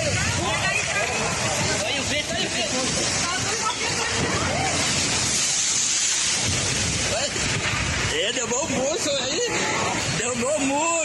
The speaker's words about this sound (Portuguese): Imagens gravadas por populares mostram o momento exato em que a árvore desaba e atinge parte do muro do estabelecimento. Olha o vento aí. Olha o vento aí, você.